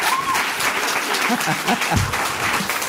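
Audience applause for a participant who has just finished, a dense, steady crackle of many hands clapping at an even loudness, with a few faint voices mixed underneath.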